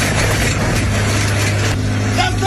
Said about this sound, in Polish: 60-latek twierdził, że część drogi należy do niego. A skoro tak, to podjechał traktorem z podpiętym pługiem i...